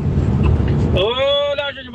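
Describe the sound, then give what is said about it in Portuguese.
A big car's engine revs up in Sumaré with a rising, whining pitch after a second of low rumbling road noise, loud. “Sumaré, acelerando bonito o carrão, hein?”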